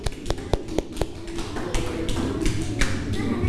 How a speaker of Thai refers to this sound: ปรบมือให้กลุ่มที่1หน่อยเยี่ยมมากนะครับ